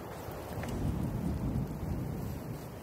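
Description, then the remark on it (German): A steady, low rumble of an approaching thunderstorm, with gusting wind roaring across the microphone throughout. The noise is continuous and fairly loud, and no one speaks. “Ein Unwetter zieht auf und beendet das erste Wiedersehen vorzeitig.”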